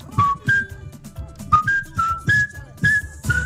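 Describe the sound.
Someone whistles a salsa song's melody, a string of short, bright held notes in a bouncy rhythm, accompanied by soft percussive thumps and breaths between phrases.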